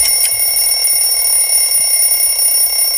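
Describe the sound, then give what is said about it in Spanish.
A stopwatch timer signals the end of the countdown, ringing steadily like an alarm clock, a loud, continuous high-pitched electronic tone that persists throughout, with no one speaking. “Ha sonado el final del cronómetro, que suena como un despertador.”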